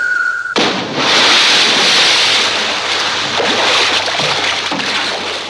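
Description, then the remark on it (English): A brief steady tone cuts off into a loud, sudden splash, followed by several seconds of rushing, churning water as a man in a raincoat, leaping from a 14-story tower, plunges into the ocean below. “And plunges immediately into the ocean below.”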